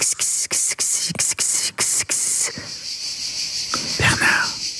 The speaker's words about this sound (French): Et puis au sud de la France, moi, ça fait penser aux cigales, là. Vous voyez, oh là là, on est bien.